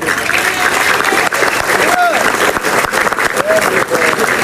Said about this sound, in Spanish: También, el día de hoy, quiero agradecimiento fraterno y saludo a todos mis compañeros y darle un fuerte aplauso a la señora alcaldesa Jenny Domínguez.